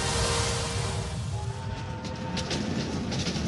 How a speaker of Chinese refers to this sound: 1967年，一列看似普通的火车驶向中国广袤的内蒙古大草原，车厢内正是接到中央命令的七七部四院的科研人员们。